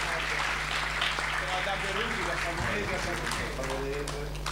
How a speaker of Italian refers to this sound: Un grande applauso anche a Savona.